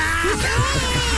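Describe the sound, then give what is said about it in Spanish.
A baby, held in someone's arms, cries in a sustained, high-pitched wail that wavers slightly in pitch, loud and steady throughout the short stretch, with no talking over it. “Y se escucha el bebé que está llorando.”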